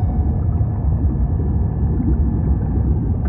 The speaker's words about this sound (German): Mit erloschenen Scheinwerfern durchstieß das U-Boot die Wasseroberfläche.